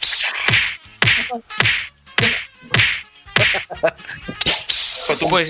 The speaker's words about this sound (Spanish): Látigo, látigo. ¡Latigazo! Latigazo y puño.